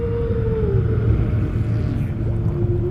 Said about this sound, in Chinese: 声音在水下可以传播得更远，鲸的歌声可以横跨整个海洋。